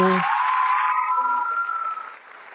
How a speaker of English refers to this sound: Where are my clapping mates? You mean I clap?